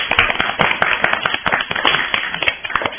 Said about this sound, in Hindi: ताली जोर से बजाना चाहिए ना, तब तो उनका उत्साह बढ़ेगा, तब तो वो नेक्स्ट बार और बहुत सारी कविता लाएंगे। सब बच्चे एक दूसरे के लिए जोर से ताली बजाइए ताकि एक दूसरे का उत्साह बढ़े, ठीक है?